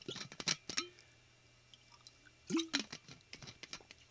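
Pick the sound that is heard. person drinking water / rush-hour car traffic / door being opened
person drinking water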